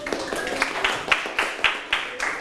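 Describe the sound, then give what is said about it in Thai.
A class of children claps together for a classmate who explained a Thai proverb, in a steady, even rhythm, sharp bright claps landing about twice a second over a faint murmur of voices. “เก่งมากปรบมือให้เพื่อน”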